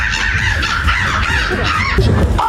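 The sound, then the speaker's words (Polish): A person at the Polish Championship in bird imitation in Warsaw mimics a crow's caw, giving harsh, raspy cawing calls, loud, with a rough scraping tone that carries through the whole short stretch. “Chyba jakaś wrona, nie?”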